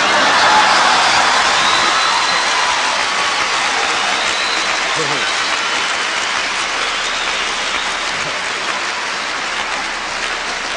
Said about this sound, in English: You can't escape a traffic jam.